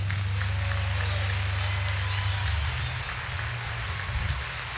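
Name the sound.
audience applause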